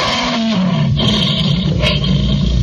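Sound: lion roaring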